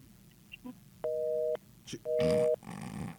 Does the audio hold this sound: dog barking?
no